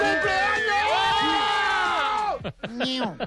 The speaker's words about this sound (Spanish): Madre mía, que se junte aquí con todos mis amigos. Por favor, no gritéis tanto que me estáis saturando el sonido.